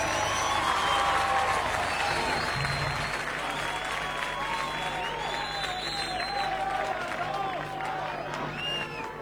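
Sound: audience applause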